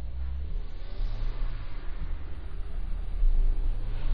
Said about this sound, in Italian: Bene, abbiamo ben imboccato Corso Geloni. Che bello il Corso Geloni di sera. Ci sono le macchine